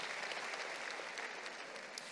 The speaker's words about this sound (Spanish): Un aplauso al Señor y nos podemos sentar.